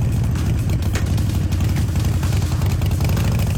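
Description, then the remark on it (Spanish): A Harley-Davidson motorcycle engine rumbles loudly, a deep, throbbing idle with slight surges in revs that holds steady for a few seconds, with no voices. “Puedes ganar cheques de hasta 1,000,000 pesos, autos o una motocicleta Harley Davidson.”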